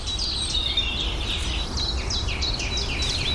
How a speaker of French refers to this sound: Grive.